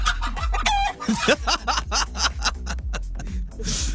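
A hen clucks and cackles continuously at close range, a busy, repetitive run of short throaty calls with a few rising squawks mixed in, loud and steady throughout.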